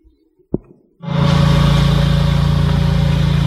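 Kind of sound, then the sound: machine, lawnmower engine running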